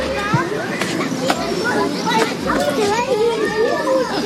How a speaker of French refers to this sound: On a des petits enfants qui jouent. Ah ouais, qui s'amusent. Voilà. Des enfants qui s'amusent. Ça, c'est le premier indice, des enfants qui jouent.